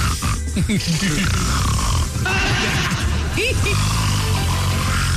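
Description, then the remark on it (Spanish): Someone imitates Donald Trump snoring, loud rasping snorts and grunting breaths repeated without pause for about five seconds, with a rough, almost horse-like wobble. “Y salió Donald Trump ahí. Roncando. Le hacía.”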